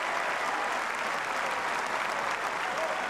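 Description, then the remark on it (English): Steady, dense applause from a large tennis crowd after a magnificent diving volley by Fonseca saves break point. It is a broad, unbroken wash of clapping that stays loud and even throughout, with no voices standing out. “Well, the crowd loved that.”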